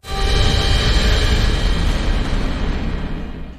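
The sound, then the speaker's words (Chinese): A gunshot cracks once and rolls out into a long, heavy rumbling echo that slowly fades, with no voices present; it is thought to come from the direction where Lao Xiao's group was scouting. “哪来的枪声？”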